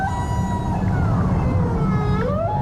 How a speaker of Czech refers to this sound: Na druhý den ji probudilo stádo velryb, které proplouvalo kolem.